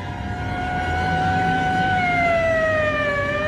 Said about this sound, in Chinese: 警车拉着长长的警笛，又呼啸着驶去了。